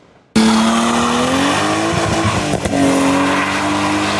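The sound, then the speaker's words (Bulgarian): A car engine revs hard during night drifting at a licensed track, holding a loud, high, rising drone while tires squeal under it, one continuous burst of drifting noise lasting a few seconds with no voices. “На лицензиран полигон бяха организирани състезания за най-малките с велосипеди и тротинетки, майсторско каране на мотори и нощен дрифт.”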